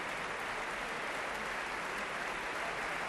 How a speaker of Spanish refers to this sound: Pablo González da la mano a los primeros atriles de las secciones de cuerdas mientras el público aplaude. Estamos en directo en la Sala Sinfónica del Auditorio Nacional de Música de Madrid.